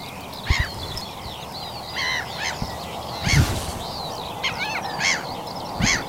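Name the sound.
birds calling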